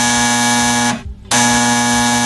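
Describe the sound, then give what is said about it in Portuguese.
A telephone rings loudly with a harsh, steady electronic buzz, two long rings split by a brief pause, with no voices present. “O telefone tocou.”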